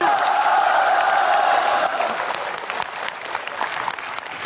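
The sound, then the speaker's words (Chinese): An audience breaks into applause to encourage a performer about to sing an opera piece, dense steady clapping with a few cheering voices mixed in during the first two seconds, then the clapping continues a little softer to the end. “给点掌声鼓励一下。”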